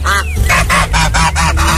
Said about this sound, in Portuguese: E o ganso? Ganso é bicho treteiro.